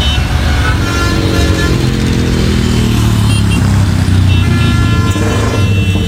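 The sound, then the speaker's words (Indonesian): A motorcycle with a loud aftermarket 'brong' exhaust revs, its deep, rumbling engine note rising and falling continuously throughout, with no one speaking. “Suara motor kamu loh, berisik banget sih. Lagian kalau di undang-undang knalpot brong gini dilarang tahu.”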